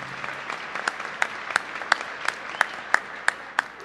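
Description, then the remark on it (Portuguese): A church audience applauds a married couple, a dense wash of clapping with a steady, unison beat cutting through about three times per second, moderately loud and without any talking. “Vamos aplaudir também.”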